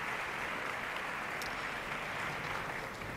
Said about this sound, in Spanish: Esos aplausos que suenan son dirigidos a ella.